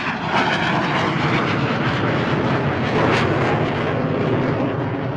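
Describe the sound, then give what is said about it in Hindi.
A small airplane flying aerobatic maneuvers, its engine roaring steadily and loudly throughout in a dense continuous drone with a slight swell near the end, and no voices. “फिर भी निरंतर अभ्यास के कारण वो इन छोटे विमानों को भी उड़ाने में सिद्धहस्त हो गए थे। वो कमाल के पायलट थे। जब वो अपना विमान उड़ाते तो उनकी कलाबाजियां देखते ही बनती।”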